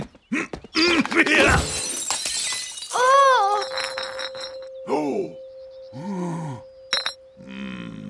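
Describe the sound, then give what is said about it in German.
Cups, flung off a table in a hut when a heavy crate is slammed down, crash to the floor and shatter in a loud, sharp burst of breaking ceramic, followed by a series of wordless vocal grunts and exclamations. “Ylvas Lieblingstassen. Sie fallen zu Boden und zerbrechen in tausend Stück.”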